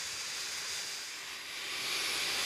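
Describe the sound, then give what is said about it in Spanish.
A vacuum used by researchers in a meadow to suck up a cubic metre of vegetation and collect its insects runs with a steady, airy roar of suction, dipping slightly in loudness midway before swelling again. No voices are heard over the continuous hiss. “Incluso usan una aspiradora.”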